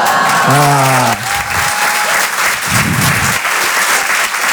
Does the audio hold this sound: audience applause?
yes